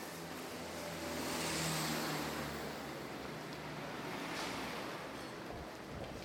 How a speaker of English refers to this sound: And we can hear that there's traffic on the streets.